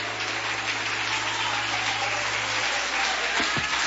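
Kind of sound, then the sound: crowd, audience clapping hands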